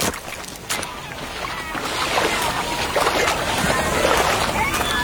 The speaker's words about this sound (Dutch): Nou, we lopen nu een beetje vast op het strand. Ik denk dat we nu maar... Ja, ik spring even... eruit, joh.